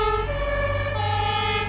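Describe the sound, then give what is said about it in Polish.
A modern Berlin fire brigade engine siren wails loudly, its steady two-tone pitch sliding between notes over a low rumbling engine, with no voices present. “A to już dzisiejsza Straż Pożarna w Berlinie, którą znacie zapewne z własnego otoczenia, z waszych ulic i osiedli.”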